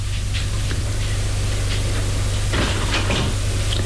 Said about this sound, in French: Le domestique frappe une porte. Elle les fait entrer.